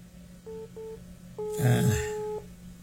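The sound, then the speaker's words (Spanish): A telephone call to a radio office in Mapastepec rings with no answer: two short electronic ringback beeps, then a longer steady tone, heard over a line with a brief burst of breathy noise in the middle. “A ver si nos contestan en la oficina de radio. Es el teléfono de la oficina, me imagino.”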